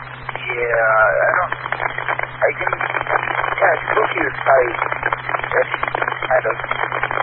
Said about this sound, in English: But it's, for some reason, my radio's becoming static slightly. Yeah, you were noisy on that transmission.